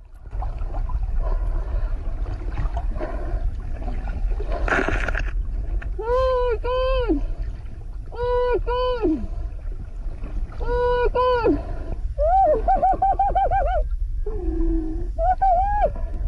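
A woman marine scientist filming a pod of orcas off Mexico's Baja California coastline shrieks in a series of high, quavering squeals, some paired and some wavering, rising and falling in pitch over a steady rumble of boat and water noise, as a male orca rams into a dead sunfish.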